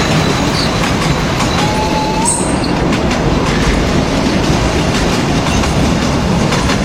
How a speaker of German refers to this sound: Na genau, so hört sich das an, wenn ein alter Zug über die Gleise tuckert.